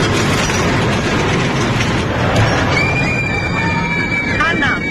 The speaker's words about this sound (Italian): Giostre del Luna Park.